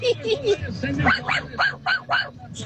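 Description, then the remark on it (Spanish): A real small dog yaps several times in quick succession, high-pitched, with a brief whiny lead-in and faint voices murmuring underneath. “Oh, no, sí, fue un perrito de verdad.”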